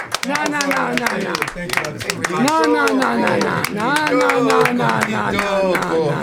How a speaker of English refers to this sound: No. You don't need to applaud yourselves. Your listeners are the ones who should be applauding.